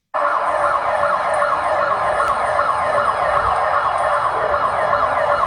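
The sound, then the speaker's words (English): Emergency sirens wail steadily and loudly in a residential area of Bogota, Colombia, after a powerful 7.4 magnitude earthquake, their rising and falling tones overlapping in a continuous blare that fills the whole stretch, with no voices present. “Sirens blare in a residential area in Bogota.”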